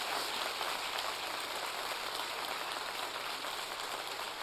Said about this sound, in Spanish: Dale un aplauso al Rey que vive. ¡Aleluya!